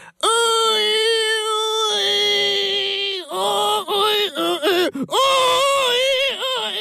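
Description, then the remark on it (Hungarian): A piglet, standing on all four legs with its head raised and eyes closed, squeals loudly and almost without pause for several seconds, a shrill, warbling cry whose pitch bends up and down before breaking into shorter, choppier squeals near the end. “A kismalac négy lábra állt, felvetette a fejét, behunyta a szemét, és égtelenül elkezdett visítani.”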